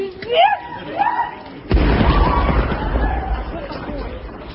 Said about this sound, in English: The sounds of screams as a train was struck by a Russian drone about 2 kilometres from Ukraine's border with Poland. It was on its way to Warsaw from Kiev.